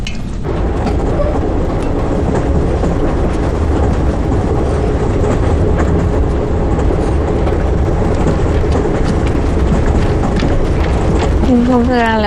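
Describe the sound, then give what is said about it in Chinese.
A train to Shanghai, passing through Suzhou, rolls steadily along the rails, a dense, loud, unbroken rumble with faint rhythmic clatter, and a short wavering tonal whine rising near the end. “哎，去上海的火车经过苏州，哥哥为什么不从苏州下车呀？”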